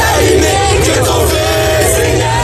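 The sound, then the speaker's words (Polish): A large crowd in France cheers and shouts continuously to greet Pope Leo XIV, a dense roar of many voices with rising yells, loud and sustained throughout without any single speaker standing out. “Wszędzie, gdzie pojawi się Leon XIV, witają go tłumy.”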